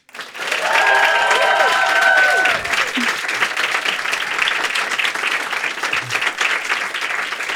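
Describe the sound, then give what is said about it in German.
An audience welcoming the host's colleague breaks into loud, sustained clapping that holds steady for several seconds, with a few whoops and a whistle rising above it at the start. “Einen sehr großen Applaus bitte für meine liebe Kollegin”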